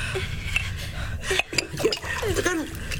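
Water splashes into a tumbler, with a few light clinks of glassware and faint voices murmuring in the background.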